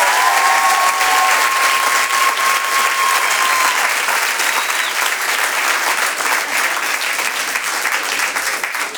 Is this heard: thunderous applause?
yes